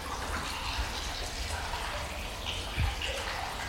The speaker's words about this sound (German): Am alten Zierwasserbecken sprudelt noch heute das Wasser aus einem Springbrunnen. Der Hahn ist ein Amor, der auf dem Delfin reitet.